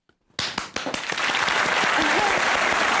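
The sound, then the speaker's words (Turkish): A short silence, then a few sharp claps that quickly swell into dense, continuous applause, loud and steady to the end, with faint voices mixed underneath. “Kendi alkışımı kendim yapacağım.”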